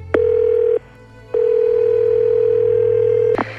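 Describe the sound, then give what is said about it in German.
A phone line's ringing tone while a call is placed: a steady mid-pitched beep, a brief pause, then a longer unbroken tone that ends in a sharp click. No one speaks. “Rufen wir doch mal an.”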